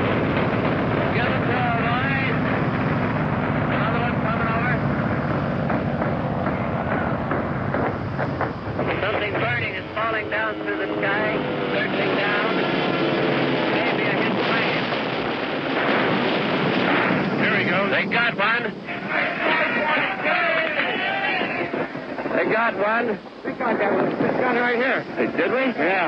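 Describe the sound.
A ship's gun, gun number 42 on the port side just beside the microphone, fires at aircraft in loud, close, rapid bursts over a constant roaring din, with indistinct voices mixed in throughout; it shoots down a plane that falls into the sea.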